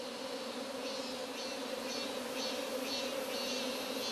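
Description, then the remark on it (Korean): A dense, steady buzzing of many native Korean honeybees, a traditional indigenous breed, at a hive in very good condition: a continuous droning hum with faint higher pulses recurring about every half second, with no talking. “오리지널 토종벌입니다. 옛날 우리 조상들이 키우시던 재래벌.”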